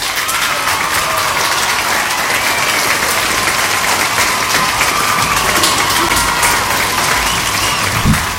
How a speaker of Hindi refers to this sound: तो इन दोनों ने जो है बिल्कुल सही जवाब दिया है, तो इनके लिए बजाएंगी तालियां।